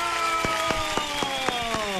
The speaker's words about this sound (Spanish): Vamos a dar un aplauso, la bienvenida.